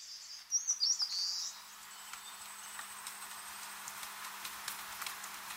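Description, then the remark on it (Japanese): A brief burst of shrill, squeaky calls from a seabird parent and its chicks as the parent returns and feeds the hungry chicks squid and small fish from its stomach, several rapid notes over about a second, then a quiet outdoor background with faint scattered ticks and a low steady hum. “ヒナとの再会を喜びながら、胃の中に蓄えたイカや小魚をお腹を空かせた我が子に与えます。そして親鳥はまた海へ。”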